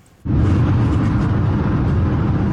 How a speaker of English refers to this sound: It's a shocking sight, an e-scooter rider weaving in and out of traffic on Highway 78 in the Ottawa Street area of Kitchener. Waterloo Regional Police sharing this video, saying the rider was traveling at an excessive speed on the expressway.